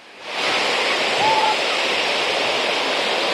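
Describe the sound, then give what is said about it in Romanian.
A loud, steady roar of rough sea surf washing onto the beach at Olimp on Romania's southern coast, rising quickly at the start and holding as a continuous rush of churning water with strong currents, red flag raised, with no voices. “Așa cum puteți vedea, marea în continuare este agitată, curenții sunt puternici,”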